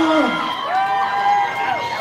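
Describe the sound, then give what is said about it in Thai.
A crowd of supporters at a boxing match cheers and whoops loudly, many voices overlapping in a steady roar with rising and falling shouts, sustained for the whole two seconds. “กองเชียร์สอแสนมณีสะพานสูงเมื่อไทยยังมีเสียงหรือเปล่า”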